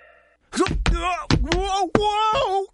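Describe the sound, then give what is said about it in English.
Someone slipping and falling in a restaurant: a series of heavy thuds and knocks mixed with loud, drawn-out wailing and moaning vocal cries, after a faint steady hum at the start. “Sounds like someone just slipped at a restaurant.”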